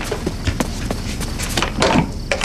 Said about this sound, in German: rannte zur Tür und öffnete sie.